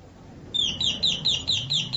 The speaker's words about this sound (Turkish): Zilin sesi bir de başka. Bak nasıl melodili çalıyor.